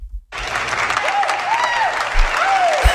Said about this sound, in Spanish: ¿Se puede volver a escuchar el aplauso multitudinario? Claro.